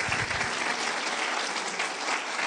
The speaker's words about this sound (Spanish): Démosle un aplauso al Señor por la obra que hizo en María.